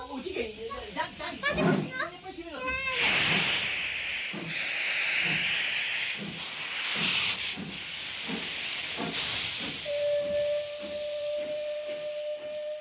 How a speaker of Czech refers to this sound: Utíkejte, přidržte ten parní stroj, ať mohu všechno vyložit. Já už běžím, mám v kapse kostku cukru, snad se na to ta lokomotiva nachytá.